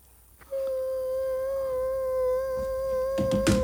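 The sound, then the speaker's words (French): A voice imitates a mosquito's whine, holding a thin, steady, high tone for about three seconds, ending with a brief rustle. “Je fais très bien le moustique aussi.”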